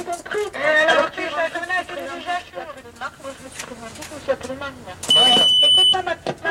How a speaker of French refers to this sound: Alors là, c'est caractéristique, quand ça siffle, c'est que quelqu'un rentre. Hein? Vous êtes averti que quelqu'un rentre.